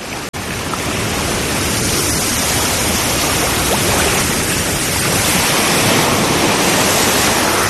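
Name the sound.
sea waves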